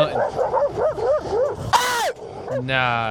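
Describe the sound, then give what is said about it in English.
Several dogs yip and bark in a quick, excited string while chasing a man on an e-bike, followed by one loud, sharp bark and a drawn-out whine, with people talking. “It was like four dogs?”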